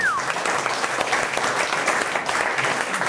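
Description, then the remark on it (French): An audience claps steadily for a few seconds, a dense, even patter of many hands at constant loudness, with a brief high whistle-like tone at the very start. “Et pour le coup, on applaudit notre conseil.”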